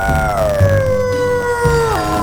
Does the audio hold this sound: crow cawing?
no